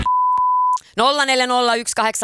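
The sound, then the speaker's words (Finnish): A loud, steady censor bleep tone holds for under a second, cutting out a sung word in a short song clip, then a singing voice carries on with the song. “Sieltä on pari sanaa piipattu ja sun tulisi kertoa, että mitkä ne sanat on.”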